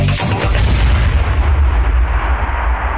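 A loud explosion bursts at the start, then a deep rumbling roar rolls on and slowly fades over a few seconds, with no voices.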